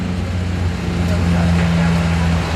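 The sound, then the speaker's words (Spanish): Heavy fire engine trucks and emergency trucks come and go, their deep diesel engines droning steadily and loudly for the whole stretch, with a constant low hum and no siren. “Es el continuo ir y venir de los camiones autobomba, de los camiones de emergencia.”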